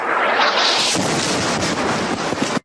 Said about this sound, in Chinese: 画面被爆炸的火光填满，随后直播信号中断。